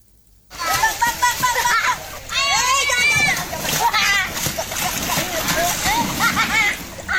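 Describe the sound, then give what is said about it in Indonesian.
Children aged 7 to 12 shout and chatter excitedly while riding rubber rafts along the Code River in Yogyakarta on a river class held by the Jogja Adventure Kids community, over continuous rushing, splashing river water, loud, starting after a brief moment of quiet and carrying on steadily throughout. “Anak-anak ini menaiki perahu karet saat menyusuri Sungai Code yang membelah kota Yogyakarta.”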